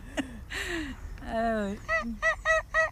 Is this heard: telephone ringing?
no